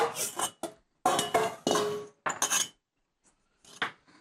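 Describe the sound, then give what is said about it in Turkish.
Two metal pots clatter and clank as they are handled, a run of sharp, loud bursts with short pauses between, ending in a few lighter knocks. “İki tencere.”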